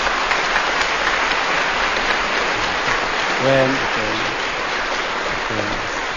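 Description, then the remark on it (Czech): A large audience in Brno applauds steadily for Luděk Sobota for several seconds, a dense, even wash of clapping with a few brief shouts or voices rising above it near the end. “Potlesk pro Luďka Sobotu.”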